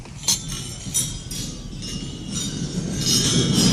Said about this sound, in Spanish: Estaba yo escuchando el brindis en la cena de gala de Macron y quiero que escuchéis el ruido de las copas. Esto es real, ¿eh? En el brindis.